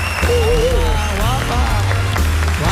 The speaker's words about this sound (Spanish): Y otro gran aplauso